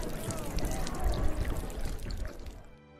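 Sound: water being poured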